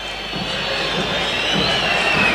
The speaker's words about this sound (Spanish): Final del juego para el primer tiempo. La gente hasta silba con desgano como el equipo.